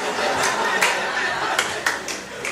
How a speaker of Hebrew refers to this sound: יכולים לשמור את מחיאות כפיים לקטעים החלשים עוד יהיו כאלה.